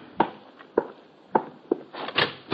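Four hollow knocks land on a wooden hotel room door at uneven intervals, clear, at almost 11 at night, then a brief cluster of scraping and rattling sounds follows. No one speaks.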